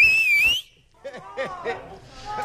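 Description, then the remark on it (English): A loud, piercing human whistle, made by a caller over the phone, with a slight wavering pitch rings out for about half a second, then stops abruptly and people start talking. “Okay, I need your loudest whistle.”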